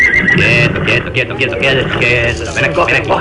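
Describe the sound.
A horse neighs and whinnies loudly, its shrill, wavering cries repeating over about three seconds against a dense background with a voice underneath.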